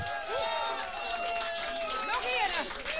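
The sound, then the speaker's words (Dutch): A crowd in a cafeteria applauds a singer steadily, broadcast live on radio, a dense wash of clapping mixed with cheering and whooping voices that rise and fall in pitch, loud and sustained throughout. “Met een daverend applaus, beste luisteraars.”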